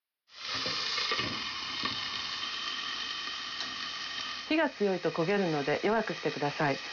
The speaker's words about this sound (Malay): Pastikan batangan wortel terlapisi minyak secara merata dan tumis sampai warnanya berubah menjadi agak transparan. Kalau sudah menjadi transparan karena menyerap minyak, tutup penggorengan dan biarkan matang dengan uap di atas api kecil.